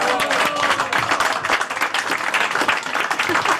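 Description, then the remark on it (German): Sustained applause from an audience for the president of the Jodelclub Giswil yodel club, dense overlapping claps holding steady and loud for the whole stretch, with a few faint voices mixed into the clapping. “Also liebe Damen, liebe Herren, geben doch eurer Präsidentin mal einen richtig schönen Applaus.”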